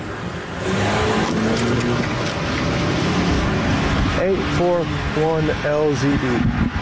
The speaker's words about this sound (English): The car, which was a small SUV, has just tried to run me over.